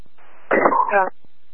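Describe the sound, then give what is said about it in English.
A single sneeze: a short breathy intake followed by a sharp, loud burst with a brief voiced tail, with no talking around it. “God bless you.”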